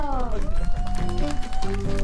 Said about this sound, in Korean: 큰 박수 주세요.